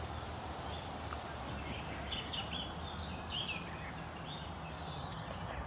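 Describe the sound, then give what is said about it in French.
Faint chirps and short calls of two birds, several overlapping in the middle, rise above a steady outdoor background hiss. “Écoute, qu'est-ce qu'on entend? T'es quoi? Oiseau. Il y en a combien? Deux.”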